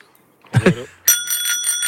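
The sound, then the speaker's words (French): A small bicycle bell rings in a quick, bright repeated trill after a brief burst of voice at the start, at an outdoor cycling event in Alsace, France. “C'était juste pour vous montrer qu'on a de magnifiques petites sonnettes ici à vous offrir.”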